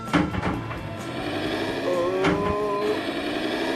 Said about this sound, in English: And now it's the first field I'm cultivating for 2022. And it was all going well. Until, several runs later, the tractor started misbehaving again.